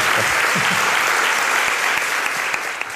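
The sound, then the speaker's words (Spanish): Steady, dense applause from a crowd for guest Jesús Callejo, many hands clapping at once in a continuous wash that stays loud throughout and eases slightly near the end. “Jesús Callejo, como siempre, te llevas este aplauso.”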